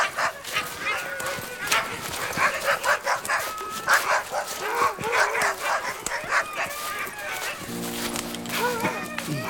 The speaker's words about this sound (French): Elfried entendit aboyer des chiens qui s'approchaient.